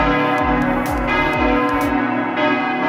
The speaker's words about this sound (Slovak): 5 minút na to začal ten kostol zvoniť, takže od 6. už som hore.